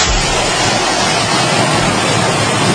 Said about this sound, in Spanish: La riada en forma de bolas de granizo, imagen en concreto desde Nerpio, la provincia de Albacete, donde las temperaturas llegaban a caer hasta 17 grados de golpe, que ríete tú del eclipse, por las fuertes tormentas